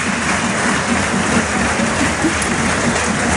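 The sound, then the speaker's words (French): A large crowd in the stands at Stade Ernest Wallon applauds steadily during a rugby match as player Alexandre Roumat leaves the field, a dense wash of clapping that stays loud and even throughout, with no voices standing out above it. “Et il leur rend l'appareil à Alex Roumat, le petit geste sympa, il applaudit lui aussi les tribunes alors que le jeu a repris.”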